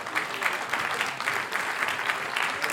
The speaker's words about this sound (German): Ja, kräftigen Applaus, Dankeschön dafür.